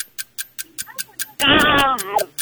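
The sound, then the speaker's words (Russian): In a sound-imitation game, a person voices a hungry crow with one loud, harsh, raspy caw lasting under a second, while a quick, steady ticking runs throughout. “Голодная ворона.”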